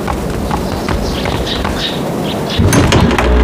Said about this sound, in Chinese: 我去开门。 哎，你莫动，你莫动，我去。